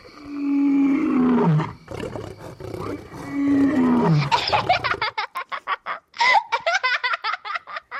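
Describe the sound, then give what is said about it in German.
A big cat roars twice, each a long, loud, rumbling call that sinks in pitch, followed by a run of quick, bouncy bursts that sound like giggling laughter. “Das zweite war, glaube ich, Raubkatzengebrüll.”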